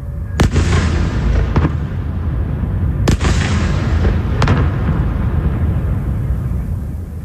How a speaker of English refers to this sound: The last few months have seen Russia catch up with Ukraine in drone technology, and every day its new Garand 5 jet-powered attack drones smash into Ukraine's cities, and chiefly, of course, Kyiv, as in the case of this nighttime attack.